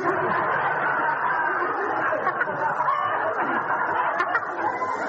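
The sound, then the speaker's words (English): A person's voice imitates a duck, quacking and squawking in a steady, nasal stream for several seconds, fairly loud, with no ordinary speech. “Well, that's a very funny quack.”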